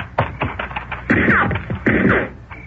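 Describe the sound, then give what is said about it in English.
A volley of gunshots in the countryside: two quick, sharp cracks at first, then two louder, echoing blasts a moment apart, with no one talking. “Rotten shooting. That light from the door made us perfect targets.”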